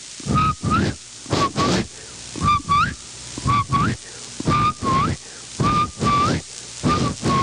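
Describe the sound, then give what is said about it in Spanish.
A person mimics a frog's whistle, giving about a dozen short, throaty whistled chirps in a steady pulsing rhythm, each with a rising tonal squeak over a raspy grunt, with no speech. “su silbido, y ustedes saben que ellos llenan el buche cuando silban.”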